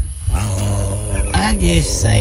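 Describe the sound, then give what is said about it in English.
A mating turtle's low, guttural growl with breathy hissing, fairly loud, continuing throughout with rising and falling pitch, as someone tries to pat it on the head. “He can't, and they listen, like the turtle like hisses at him.”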